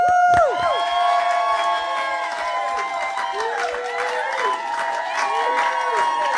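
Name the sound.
small studio crowd cheering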